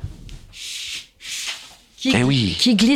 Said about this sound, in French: Et la feuille a glissé vers moi.